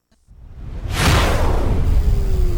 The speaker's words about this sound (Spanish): aplauso para el Señor Jesús, a Él toda la gloria, el honor, el poder y la alabanza. Apláudele al Señor, fuerte. Gloria al Señor.